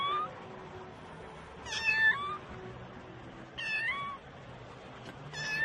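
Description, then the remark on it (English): A small cat meows three times, high-pitched and plaintive, with pauses of about two seconds between cries, over a quiet background hiss, with no one speaking. “Hier ist eine Katze. It's a cat ist hier. Oh. So eine kleine Katze.”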